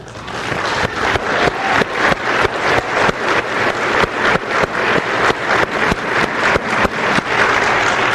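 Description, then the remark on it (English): Steady, loud applause from an audience at a conference talk, given for grandmothers praying for their children, fills the whole stretch, a dense patter of many hands clapping without letup and no voices on top. “I want to take the time right now to give all those grandmothers who are right now praying for their children who are away from the church, I want us to applaud for them today.”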